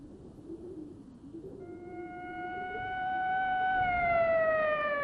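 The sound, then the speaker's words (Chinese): A police car siren wails at night over a low rumble, piercing a quiet street as the car drives up to a sanatorium entrance, its sustained tone growing steadily louder and bending slightly in pitch as it approaches. “警车的警笛划破寂静的街道，一路尖叫着，一直开到疗养院门口。”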